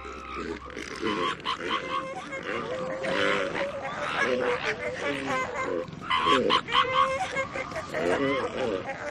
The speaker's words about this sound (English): These distinctive and rather unusual sounds are all coming from a colony of elephant seals. The elephant seal is a walrus-shaped marine mammal up to 8,000 pounds in size.